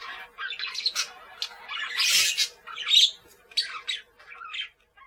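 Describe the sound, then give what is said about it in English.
Parakeets squawk in a rapid series of harsh, scratchy calls, several bursts overlapping across a few seconds, moderately loud, with no talking. “He has green parakeets who pick holes in his suit.”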